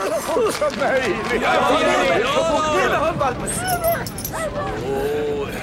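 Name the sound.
puppy yipping and whimpering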